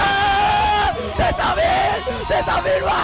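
A loud, excited shout of joy, strained and high-pitched, breaking into several rising yells and whoops over about three seconds with a raw, overdriven edge.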